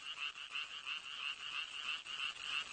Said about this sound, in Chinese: 雄青蛙也加入到音乐会的队伍中了